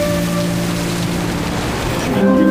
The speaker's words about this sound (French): J'observe les vagues qui se fracassent sur les rochers dans un feu d'artifice d'écume et d'embrun.